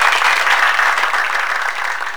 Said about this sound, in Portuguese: Ó, meus aplausos para você, ó. Você merece, você merece, você merece.